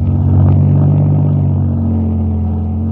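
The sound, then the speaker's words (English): A car engine runs loud, its deep throbbing drone revving steadily throughout with a faint rattle, as the car slowly backs out of a driveway. “We'll just back out of the drive nice and slow.”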